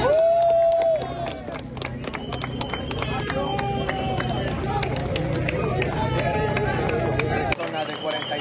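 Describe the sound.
Rescuers cheer and applaud in Venezuela as a man trapped for 8 days under 140 tonnes of rubble is brought out alive, with scattered sharp claps and overlapping shouting voices, loud and steady throughout before cutting off near the end.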